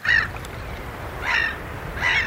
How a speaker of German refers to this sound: Möwen und Wellen, guter Stoff, sagt einer der Moderatoren im schwedischen Radio. Es ist mitten in der Nacht. Irgendwo an der Küste rauschen die Wellen. Möwen schreien im Wind.